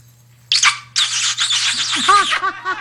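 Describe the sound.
A trumpet imitates a kiss: a short breathy squeak, then a longer buzzing, smacking squeal that ends in a few quick upward-bending chirps, fairly loud.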